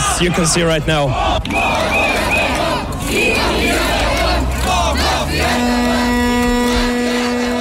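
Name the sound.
protest crowd chanting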